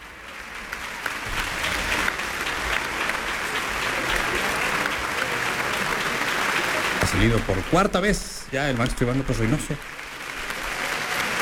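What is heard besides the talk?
audience applause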